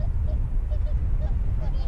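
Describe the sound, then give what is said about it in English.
Migratory birds honk in short, scattered calls, several overlapping bursts over about two seconds, above a steady low rumble of wind or background noise, in the Pamir in autumn as the birds leave. “When the migratory birds leave, it will be winter soon.”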